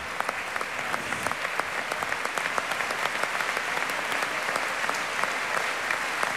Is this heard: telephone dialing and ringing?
no